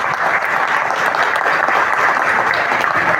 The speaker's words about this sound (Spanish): Así que ese primer aplauso para ellos que pusieron de sus recursos.